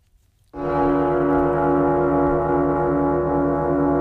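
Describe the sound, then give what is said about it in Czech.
A single deep gong stroke rings out after a brief silence, sustaining a rich, shimmering drone of layered harmonic tones at steady loudness. It is the Czechoslovak radio news jingle used from January to August 1969, with no voices present. “Dokonce od ledna 69 vznikla nová znělka, takový gong, který si teď pustíme.”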